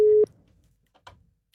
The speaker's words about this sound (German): Und gewinnen hat natürlich nur jemand können und dieser Person läuten wir jetzt gerade live an. Schauen wir mal, ob sie abnimmt.